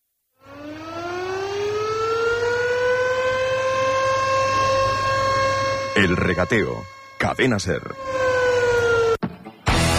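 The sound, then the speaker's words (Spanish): A loud fishermen's guild siren winds up from silence into a long, steady wail that holds for several seconds, with a voice speaking briefly over its final stretch. “la cofradía ya, la sirena, me sale una sonrisita.”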